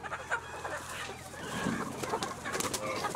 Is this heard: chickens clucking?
yes